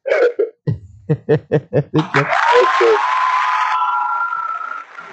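A brief voice, then a quick, steady run of about seven or eight sharp, loud hand claps made during a video call, giving way to a wash of applause and crowd noise that slowly fades.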